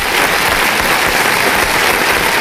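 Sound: applause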